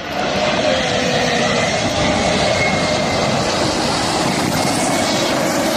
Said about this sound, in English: And the most read piece in the Times, two planes took part in a daring low flypast above Cape Town Stadium before South Africa took on New Zealand in a rugby match.